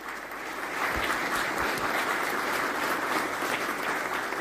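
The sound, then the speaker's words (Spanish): Sustained applause from a crowd for honorary Italian vice-consul Jorge Sanguinetti on receiving a decoration, a dense, steady clatter of many hands clapping at an even loudness throughout, with no voices standing out. “Italia, que es una importantísima condecoración por su trabajo ininterrumpido durante, estamos en el 26, 27 años, porque comenzó en el año 99 el vicecónsul honorario Jorge Sanguinetti, para que pedimos un fuerte aplauso.”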